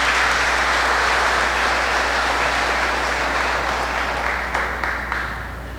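An audience claps in sustained, dense applause, a steady wash of loud hand claps that holds for several seconds before gradually thinning and fading at the end.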